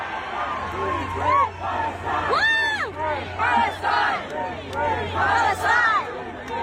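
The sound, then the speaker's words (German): A large concert audience in South Korea, many holding Palestine flags, chants a political slogan for Palestine in unison, many voices rising and falling in repeated rhythmic shouts, loud and reverberant with no single voice standing out. “Am Samstag hatten sie dann auf ihrer Tour auch ein Konzert in Südkorea, und da haben viele selbst eine Palästina-Flagge dabei gehabt, und zeitweise klang es im Publikum dann auch so.”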